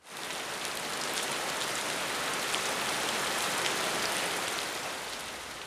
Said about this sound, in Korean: 지금도 이렇게 비가 쏟아지고 강물이 언제 넘칠지 모르는데